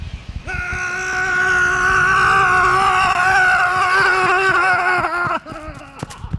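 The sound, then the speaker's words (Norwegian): A man takes a big breath and lets out one long, sustained roar at full volume for about five seconds while running as far as he can along a 60-metre stretch. The roar is steady in pitch and slightly wavering, then breaks off into panting breaths and scuffing footsteps. “man skal ta et stort magadrag, brøle alt man kan og se hvor langt man klarer å løpe.”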